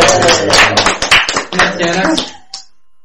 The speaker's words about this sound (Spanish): Bien, muy bien. Che, un aplauso para la abuela.